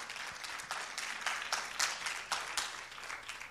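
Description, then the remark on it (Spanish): A church audience claps steadily for the Lord, a dense wash of many hands with sharper individual claps popping through, sustained and fairly loud with no voices on top. “Dégale otro aplauso al Señor arriba, que lo quiero animadito, animadito.”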